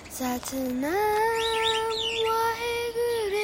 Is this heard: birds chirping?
yes